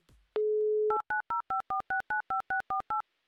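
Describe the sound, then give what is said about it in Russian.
A steady telephone dial tone hums for about half a second, then eleven quick, evenly spaced touch-tone beeps follow as a contestant's phone number is keyed in, clear with no talking. “Так, набрали номер телефона, ждем соединения.”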